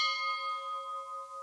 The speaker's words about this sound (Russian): Колокол! Так звонят, когда кто-нибудь умер.